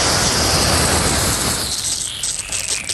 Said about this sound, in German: Ich könnte jetzt sagen, ich habe was in der Hand, was spritzt. Hä? Das ist mein Gartenschlauch.